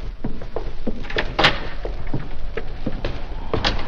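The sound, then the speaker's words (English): A door opens and shuts, with a series of soft clunks and knocks and one sharper bang partway through, and no voices. “I'll see you to the door”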